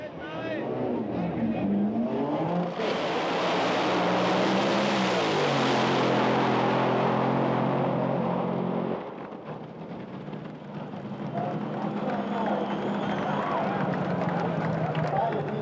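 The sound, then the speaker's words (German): At a dragster race, the cars' engines erupt in a thunderous blast and roar for several seconds with a rising, rumbling whine as they accelerate to about 411 km/h in 5.5 seconds, then drop back to a lower mechanical rumble, with crowd-like noise and a voice faintly underneath. “Bei einem Dragster-Rennen, wie Sie es eben gesehen haben, kommt es lediglich auf die Beschleunigung an.”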